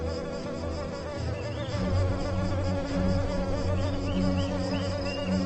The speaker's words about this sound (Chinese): 令人讨厌的蚊子，在某些动物眼中可是一道可口的美餐。水面是蚊子的乐园，雌雄相聚在这里，开着狂欢派对。